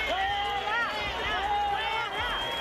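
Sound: crowd booing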